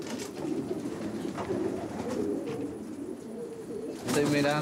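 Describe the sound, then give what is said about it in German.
Several pigeons in a pigeon loft coo steadily in low, throaty murmurs, overlapping in a busy chorus, with a louder burst of calls near the end. “Ich kontrolliere, welche Tauben wirklich fit genug sind, um morgen fliegen zu können.”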